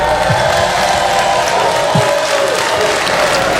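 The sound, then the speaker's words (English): Thin audience applause from married people in a live stand-up comedy crowd responding to Cat Williams, steady and fairly subdued for a few seconds, with no one speaking over it. “Who would ever want to be married with two mothers clapping like that?”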